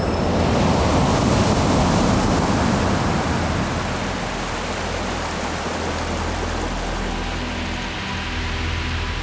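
A large ocean wave suddenly surges in with a loud, broad rush of foamy water, wiping away everything in the sand, then slowly washes back and fades into a softer hiss of surf over sand. No voices.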